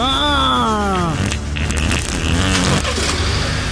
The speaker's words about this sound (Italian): Eureka, s'è messa in moto!